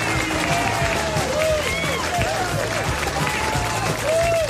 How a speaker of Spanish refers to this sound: Aplausos, muchachos, aplausos, ¿cómo no?